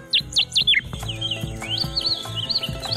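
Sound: rusty sparrow song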